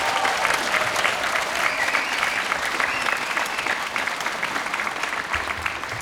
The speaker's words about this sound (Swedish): Och de får ju en applåd förstås.